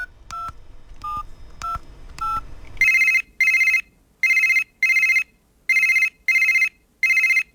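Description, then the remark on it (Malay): A phone number is dialed with four quick keypad tones for a call to an entrepreneur from Warung 35 in Shah Alam, then a loud, steady ringback pulses in short regular bursts about seven times, with no voices. “Ha, di hujung talian telefon sekarang ini kita ada seorang pengusaha yang hebat”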